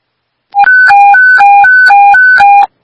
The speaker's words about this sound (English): Go ahead and set off Tri-County's tones for this wreck.